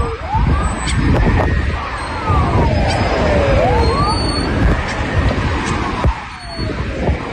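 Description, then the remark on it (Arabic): Wailing sirens of ambulance crews sweep up and down continuously, several overlapping, over loud street noise and rumble, with occasional sharp knocks, on the outskirts of Moscow, Russia, after a drone attack from Ukraine, while fires burn in some commercial and vital facilities. “إذن طواقم الإسعاف والنيران تشتعل في بعض المرافق، بما في ذلك مرافق تجارية ومرافق حيوية.”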